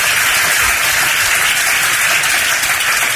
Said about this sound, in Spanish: Con baño de multitudes a Vivas, aplauso de casi un minuto a las afueras, aprovechaba para demandar más dimisiones.